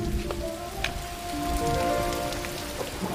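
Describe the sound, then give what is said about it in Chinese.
Steady rain pattering continuously on a surface, with scattered sharper drips popping out now and then; the downpour stays fairly loud and even throughout, with no voices. “这最近天天下雨，你们那公司还忙吗？”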